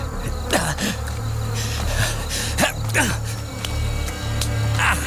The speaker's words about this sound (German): Ach Gott, diese verdammten Mücken!